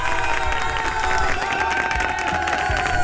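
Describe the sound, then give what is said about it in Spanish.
A group of people cheer and shout together in surprise in a sustained, loud burst, with applause-like clatter running underneath for the full few seconds, a birthday surprise from the radio show Expreso. “Te llevaste la sorpresa. ¡Ah! Gritaron todos, ¿verdad?”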